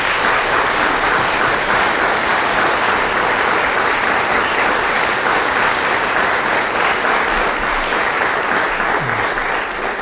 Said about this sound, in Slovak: Aj títo naši súťažiaci získavajú všetci titul laureát Slávika Slovenska pre rok 2026. Tak ešte jeden veľký potlesk pre všetkých.